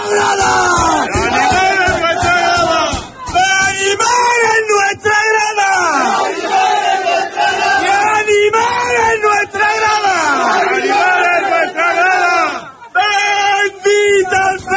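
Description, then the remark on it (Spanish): A football player shouts and yells loudly and repeatedly, celebrating with the fans, amid a roaring crowd that cheers and chants along in a continuous celebratory din. “Los gritos de …, que disfrutaba con su gente y que, bueno, ya decimos, es uno más de ellos, ¿eh?”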